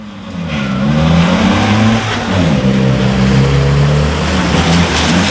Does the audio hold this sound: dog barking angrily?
no